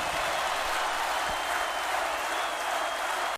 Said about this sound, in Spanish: El aplauso de ustedes para el Negro Pelusa.